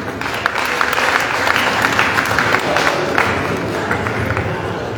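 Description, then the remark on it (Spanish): Steady audience applause at an event, welcoming the people who will hand out the awards, a dense wash of many hands clapping at an even, fairly loud level with no voices standing out. “Recibimos con aplauso también a las personas que van a entregar los reconocimientos.”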